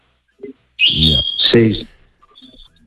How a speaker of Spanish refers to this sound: y te dejó ahí unos pajaritos que estoy oyendo de fondo. Este es una capurni que tengo ahí que siempre nos vemos escuchar y no cae sí, nunca. Claro que le escucho, qué campeón.